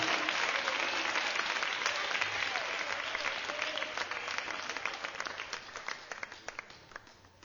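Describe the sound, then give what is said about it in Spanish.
An audience breaks into sustained applause for the Lord, a dense wash of many hands clapping that gradually thins into more distinct individual claps toward the end. No one speaks over it. “Démosle un aplauso al Señor en este día, pero démoselo con todo el corazón.”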